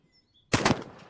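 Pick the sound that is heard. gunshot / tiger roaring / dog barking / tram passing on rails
gunshot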